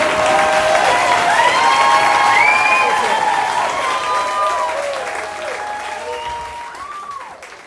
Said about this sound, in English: Oh, thank you. Thank you. You're still clapping? Okay.